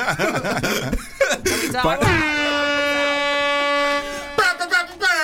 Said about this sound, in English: Why are you trying to press the buzzer for the pineapple?